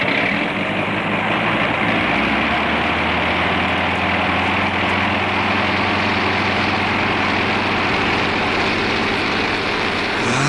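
The engine of a heavily loaded propeller airplane roars steadily at full power as it attempts takeoff from wet ground, a loud, continuous drone with a low throbbing hum, unbroken throughout, with no voices.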